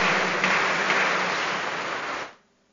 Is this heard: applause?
yes